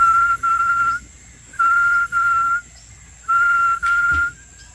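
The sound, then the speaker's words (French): A person whistles an imitation of the oriana tinamou's call, as used in hunting to lure these birds: three phrases, each a pair of steady, pure, level notes, evenly spaced and fairly loud over faint background noise. “Le tinamou oriana fait comme ça.”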